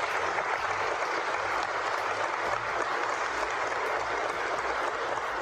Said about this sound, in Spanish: Pues gracias, pues vamos a brindarle un aplauso a nuestros hermanos.